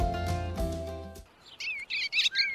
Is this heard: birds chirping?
yes